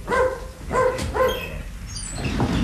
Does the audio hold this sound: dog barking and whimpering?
yes